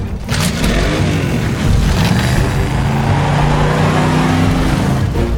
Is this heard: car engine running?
yes